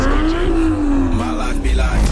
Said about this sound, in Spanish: Hay motores que se escuchan.